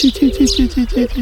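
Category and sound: bird, common shelduck calling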